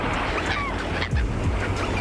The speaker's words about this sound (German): Die Möwen über euch, der weiße Sandstrand unter euch. Ihr hört das leise Rauschen des Meeres.